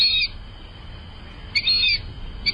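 A fulvous whistling duck gives high, squeaky whistled calls: a short burst, a longer drawn-out whistle after a pause, then a brief final note, all clear over a soft low rumble.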